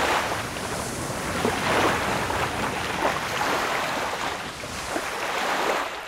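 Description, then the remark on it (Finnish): Water rushes and churns steadily, a dense, continuous wash with gentle swells in loudness, like waves or a boat moving through open water, with some wind noise and no voices. “Sillä vettähän voi ja tulee kuunnella.”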